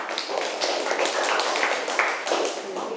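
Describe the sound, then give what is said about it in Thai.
Students in a class clapping for their classmates as the last group is invited to present, steady, overlapping applause, a dense patter of many hands that stays fairly even in loudness for the whole few seconds, with no voices on top. “ค่ะนักเรียนคะต่อไปขอเชิญกลุ่มสุดท้ายได้เลยปรบมือให้เพื่อนหน่อยค่ะ”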